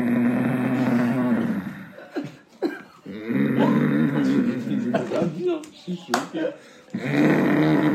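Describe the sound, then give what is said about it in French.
A voice mimics a father's loud snoring at night in Bamako: drawn-out rasping snorts repeated three times with short pauses between them, forceful. “Genre, le signal, c'était quand son père, il ronflait, mais comme un...”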